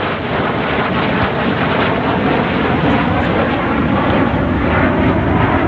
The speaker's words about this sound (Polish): Proszę Państwa, wyglądał przylot pierwszych trzech F-35. Nowoczesne, super nowoczesne samoloty.